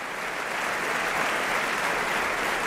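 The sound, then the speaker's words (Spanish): An opera audience applauds the actors, chorus and soloists after a new production of Lohengrin, a dense, even wash of many hands clapping at a constant loudness throughout, with no voices standing out. “El público está aplaudiendo a los actores, al coro y a los solistas que nos han ofrecido este nuevo Lohengrin,”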